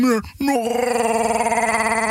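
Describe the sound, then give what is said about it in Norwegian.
A voice imitates the roar of Chewbacca from Star Wars: a short rising howl, a brief break, then a long, loud, warbling roar held steady with a gravelly rattle, no other talk. “Skal prøve meg på lyden hans og nå den der skrikinga til Chewbacca.”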